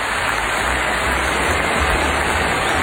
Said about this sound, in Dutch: Onder luid applaus, hè?